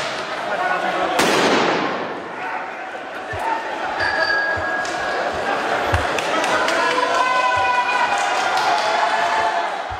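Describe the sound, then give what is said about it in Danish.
A street clash in France between protesters and riot police, with a crowd shouting, a sharp loud burst near the start followed by scattered pops and bangs as demonstrators fire fireworks at police and police fire tear gas, with whistles or shrill tones rising over the chaotic din. “Politiet affyrede tåregas og brugte knipler mod demonstranter, der skød fyrværkeri efter urobetjente.”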